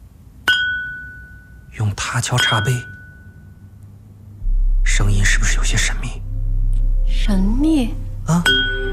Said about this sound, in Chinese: 用他敲茶杯，声音是不是有些神秘？